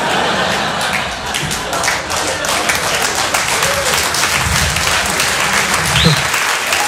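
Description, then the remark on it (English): A comedy show audience applauds steadily for several seconds, a dense, even wash of many hands clapping at a constant loudness, with faint murmurs of voices mixed underneath. “Well, that's easy for you guys to clap at because you guys probably all have insurance.”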